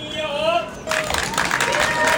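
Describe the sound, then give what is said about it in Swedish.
A sustained wavering tone fades out, then a sudden loud burst of many young voices cheering and shouting together as pupils run out of Lagmansskolan in Mjölby municipality for the summer holidays, with a steady noisy roar that continues to the end. “Ja, lyser kanske solen, så här lät det nyligen i Mjölby kommun när eleverna sprang ut från Lagmansskolan.”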